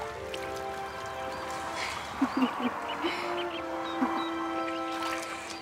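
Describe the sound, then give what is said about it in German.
Soft calls of courting great crested grebes, with a rival male among them, and a few short honks rise over a steady ambient outdoor background on a lake, with brief splashes scattered across the scene. “Es ist einfach fantastisch, diese wunderschönen Vögel bei der Balz zu beobachten.”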